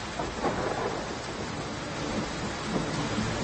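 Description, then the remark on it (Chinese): Steady, heavy rain pours down in a constant dense hiss, with a low rumble of thunder rolling underneath; no voices, just the continuous storm. “哎，那个虽然下雨，但是大家心情不要糟糕啊，到那儿好好演，好不好？”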